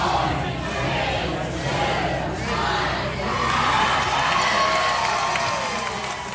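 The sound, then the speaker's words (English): A large outdoor crowd of NFL fans at Federation Square in central Melbourne, Australia, roars and cheers continuously as the 49ers claim victory over the Rams, a dense wash of shouting voices swelling in waves, loud, with no single speaker standing out. “At Federation Square in central Melbourne, a sea of red erupted as the 49ers claim victory over the Rams.”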